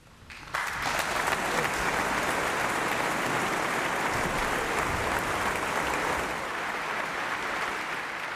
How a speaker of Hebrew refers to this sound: מחיאות הכפיים לתזמורת הפילרמונית של מינכן בניצוח אלן אלטינוגלו. שמענו בנגינתם את הפרלוד לאופרה חובנצ'צ'ינה של מוסורגסקי, שחר על נהר מוסקבה.